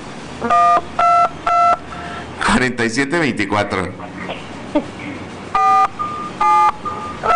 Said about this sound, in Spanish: De una vez, aquí en el teléfono estoy marcando y aquí estoy anotando el número.